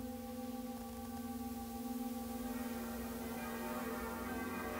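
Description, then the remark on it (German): A singing bowl rings with a steady, sustained hum and shimmering overtones that slowly waver, sounding clear with no voices present. “Vom Klang der Schalen zum Klang der Glocken.”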